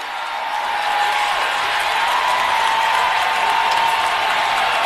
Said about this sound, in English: Just listen to the fans here in F&M Bank Arena erupting, absolutely erupting, as the Cats have the opportunity to extend their lead.